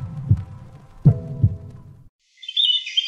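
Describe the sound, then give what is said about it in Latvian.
A deep, thudding heartbeat gives three low beats in an uneven lub-dub rhythm, then stops. After a short silence, high-pitched bird chirping comes in. “Dzirdi savu sirdi!”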